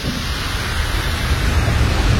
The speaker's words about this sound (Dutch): Fantastisch, hè? Dat dat zo leeft. En dat je hoort ook allemaal, ja... Nou, dat zal ook wel die stoom zijn die daaruit komt. Die gassen.